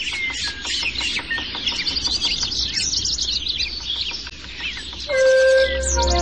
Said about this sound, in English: As the sun rises at a particular spot, birdsong diminishes. But the dawn chorus itself is a never-ending wave that continually circles the globe, preceding the sunrise.